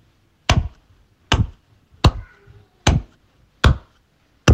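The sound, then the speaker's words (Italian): Six sharp, loud hand claps land one at a time in a slow, steady beat, each with a brief crisp snap and quiet gaps between, with no voices. “Fammi sentire tipo con un applauso.”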